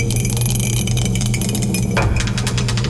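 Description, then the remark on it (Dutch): A die is rolled in a song game on Radio NL and lands on 3. It tumbles and clatters with a heavy echoing reverb effect, a cluster of quick rattling knocks that ring out and linger over a dense, steady background, with no voices. “De dobbelsteen erbij. Ik zet de galm weer aan.”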